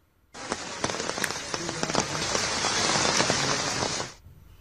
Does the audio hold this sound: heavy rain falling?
yes